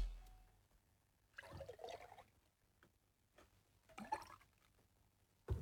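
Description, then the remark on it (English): Liquid is poured in two short, splashy bursts a couple of seconds apart, quiet, with near silence around them and no one talking. “The pouring will commence now.”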